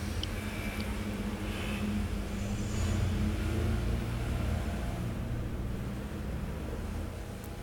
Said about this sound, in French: Un camion marée service, un camion bâché bleu, des taxis. Un camion les rillettes Coulon. Quelques voitures, assez peu. 6 personnes traversent le boulevard Saint-Germain.